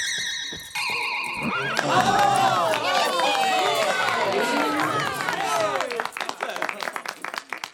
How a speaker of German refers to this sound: Fliegende Pferde. Ja, so etwas hat es noch nie in einem Zirkus gegeben. Die Zuschauer klatschen und pfeifen und steigen vor Begeisterung auf die Bänke.